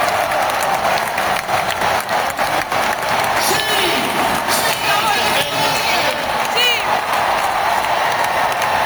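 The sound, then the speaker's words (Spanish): A packed basketball arena, the Caldeira in Santiago de Compostela, erupts in sustained applause and loud cheering at the final whistle as Obradoiro beat Guipúzcoa 85-68 to return to the ACB, with whoops and shouting voices rising over continuous clapping throughout. “Este era el momento en el que se pitaba el final del partido y la Caldeira estallaban aplausos y en vítores.”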